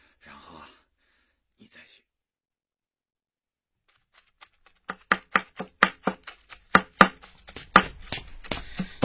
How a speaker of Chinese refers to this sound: 哟，老伴儿，你现在切菜的水平很高嘛？ 这就叫名师出高徒啊！你这师傅棒啊！